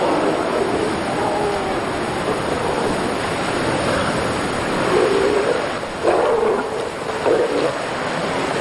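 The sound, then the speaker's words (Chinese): Several harsh, low roaring calls from young males burst out in the second half, rising above a steady rush of surf and wind noise on a coast that fills the whole recording. “他们用嘶咬和吼叫来展示自己的力量，渴望在即将到来的爱情争夺战中占据优势。”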